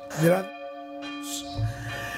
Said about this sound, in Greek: Εδώ βαράνε οι καμπάνες.